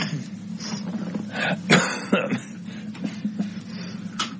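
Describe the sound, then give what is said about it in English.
A person coughs several times in short, rough bursts, with a steady low hum running underneath. “Yes, excuse me, I'm coughing.”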